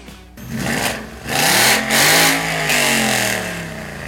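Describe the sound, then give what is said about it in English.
A car engine revs loudly, its pitch climbing and dropping in a few surging bursts over a steady rumble, with no voices. “Rev up your engines and cruise into downtown Abingdon this Saturday for the 14th annual Cruising Classics Car Club Car Show”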